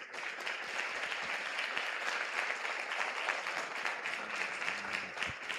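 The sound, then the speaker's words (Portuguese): Sustained applause from an audience for the speaker after a talk, a dense, steady wash of many hands clapping at even loudness for several seconds with no break, no voices standing out above it. “Cadê a salva de palmas aí para o nosso palestrante?”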